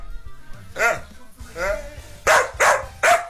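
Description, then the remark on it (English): A dog barks about five times in an irregular sequence, with the first two barks drawn out and whiny and the last three sharper and louder, over a low background hum. “Dog sounds sick.”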